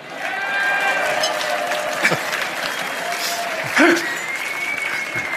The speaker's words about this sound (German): Der Applaus war ziemlich wenig, hast du gemerkt? Komisch.